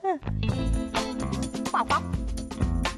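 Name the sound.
goose honking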